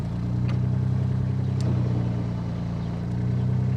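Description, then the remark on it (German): The engine of a tourist boat on the muddy, shallow Steinhuder Meer lake runs steadily, a deep, even humming drone that holds at a constant loud level throughout, with a few faint clicks and rattles on top and no one speaking. “muss er schon genau gucken, wo er hinfährt, sonst steckt er im Schlamm.”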